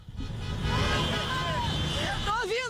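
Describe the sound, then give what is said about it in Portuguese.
Many car horns blare together in a sustained, overlapping chorus over a dense rumble of traffic on a freeway, as cars leave an arena parking lot after a Grêmio qualifying goal; some horns rise and fall in pitch toward the end, heard from a distance. “Mas dá pra ver o buzinaço, coisa bem boa isso.”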